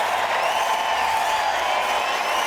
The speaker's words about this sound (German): Das ist euer Applaus, liebe Hanse-Mädchen.